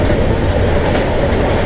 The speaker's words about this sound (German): Es geht so, wir fahren mit dem Zug durch Deutschland, halten an großen Bahnhöfen an und ihr hört dann typische Geräusche für die jeweilige Stadt. Hört mal rein, hier ist Geräusch Nummer 2.